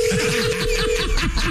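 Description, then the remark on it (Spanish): A steady telephone ringing tone hums at an even pitch for about a second, then cuts off, with muffled voices and laughter-like murmurs underneath. “Deja que timbre primero el teléfono.”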